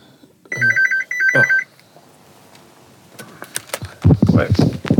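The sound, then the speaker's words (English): A home landline telephone rings twice in quick electronic bursts, clear, then falls silent before a voice and some movement come in. “Yeah, phone the home phone now.”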